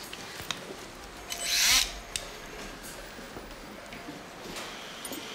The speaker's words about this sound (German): Dann legen wir los. Entfernung der Trümmerzone. Säge. Spülung.